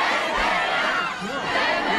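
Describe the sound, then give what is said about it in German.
A large crowd of fans cheers and screams wildly as Zendaya steps onto the black carpet at a fan event for the film Spider-Man: Brand New Day, a dense, continuous roar of voices with shrill high-pitched shrieks rising above it, loud throughout. “Und vor allem, wenn Zendaya den schwarzen Teppich betreten hat, dann gab es Jubel ohne Grenzen.”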